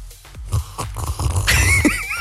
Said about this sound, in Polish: Ale siorbnął. Siorbnę sobie kawusi,